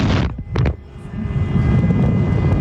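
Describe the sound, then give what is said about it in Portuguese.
Two short, harsh truck horn blasts sound in quick succession, followed by a steady, heavy engine rumble like road traffic on a highway. “Nossa, velho. Onde você deve estar buzinando, cara? Deve estar numa rodovia, eu acho, hein, pelo jeito.”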